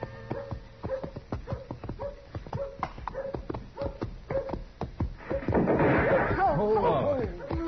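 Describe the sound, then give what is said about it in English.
Horse hooves clip-clop in a steady, even rhythm, moderately loud, as a kid rides the horse, before a louder, wavering vocal sound rises over them near the end. “Kid, get off on that horse and get over here.”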